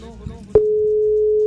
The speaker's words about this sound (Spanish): ¿Está sonando? Empieza a sonar un número de teléfono.